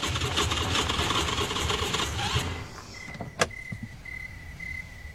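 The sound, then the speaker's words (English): A car engine runs roughly, then sputters and cuts out as the car runs out of gas, leaving quiet. A sharp click follows, then a steady high-pitched chime beeps on and off. “I guess we gotta walk to get some gas.”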